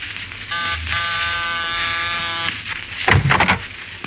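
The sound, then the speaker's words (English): An apartment manager's door buzzer sounds one steady, harsh electric buzz lasting about two seconds, rich and nasal in tone, followed after a short pause by a brief rattling clatter. “That's what it says over the buzzer. You've been leaning on?”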